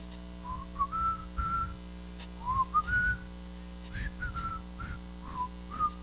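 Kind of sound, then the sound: human body sound, person attempting to whistle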